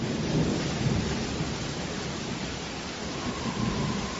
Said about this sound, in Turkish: Fırtınayla karışık yağmur Mohaç Ovası'nın üzerinde deli gibi savruluyordu.